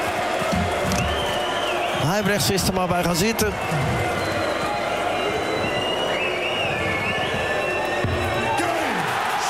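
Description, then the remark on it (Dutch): A noisy darts audience, on the side of the Netherlands, roars continuously as player Dimitri van den Berg tries to silence them, with a burst of loud, whooping shouts swelling in the middle before settling back into dense crowd din; a man speaks briefly over the noise. “En nu ook Dimitri van den Berg probeert het publiek tot zwijgen te brengen. Dat gaat alleen maar averechts werken.”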